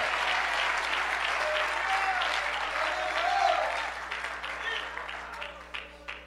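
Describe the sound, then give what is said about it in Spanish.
An audience claps loudly together in thanks to God, a dense, sustained burst of applause that slowly thins and tapers off toward the end, with faint voices mixed into the crowd noise. “Alguien le da un fuerte aplauso en agradecimiento a ese Dios.”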